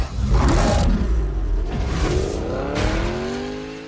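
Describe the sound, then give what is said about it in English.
A racing car engine in a fast car video game like Need for Speed revs hard and loud, its pitch climbing in a rising whine amid rushing, gritty road noise and a hint of tire squeal, with no one speaking. “And fast car games like Need for Speed.”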